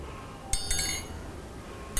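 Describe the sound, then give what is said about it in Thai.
A metal triangle, used by a teacher as the rhythm instrument for a children's movement and rhythm activity, is struck with three quick, ringing taps followed by a single strike after a pause. Each bright, shimmering tone rings briefly at moderate volume, with no voices. “เครื่องให้จังหวะที่คุณครูจะใช้ในวันนี้นะคะก็คือระฆังเหล็กสามเหลี่ยมค่ะเดี๋ยวเรามาทบทวนจังหวะกันก่อนนะคะ”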